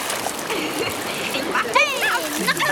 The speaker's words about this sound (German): Im Wasser spritzen … ihren Papa gründlich nass.